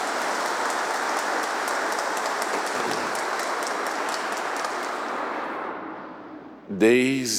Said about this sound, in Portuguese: Vamos dar uma salva de palmas aos nossos jovens cantores.